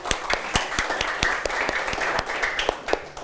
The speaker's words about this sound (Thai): เอาล่ะปรบมือให้กับเพื่อนด้วยครับนักเรียนนะครับ